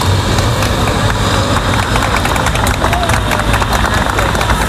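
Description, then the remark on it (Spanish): A crowd gathered at the doors of the Hospital Gómez Ulla in Madrid applauds steadily as evacuated travelers arrive, dense overlapping clapping with some cheering and traffic noise mixed in, loud and continuous throughout. “Como lo escuchas, entre aplausos de la gente congregada a las puertas del hospital.”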